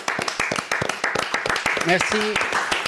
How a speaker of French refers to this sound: Allez, venez l'applaudir, je vous en supplie.